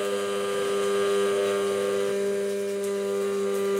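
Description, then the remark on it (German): An immersion blender, held straight, runs steadily while making aioli without egg, a loud, constant motor whine with a strong low hum and bright overtones that holds without pause for the whole stretch, with no voices over it. “Einfach nur gerade halten mit Pürierstab.”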